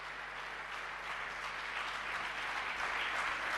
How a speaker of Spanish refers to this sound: un fuerte aplauso para los cantautores y trovadores mendocinos en esta segunda noche del Cantar Opinando.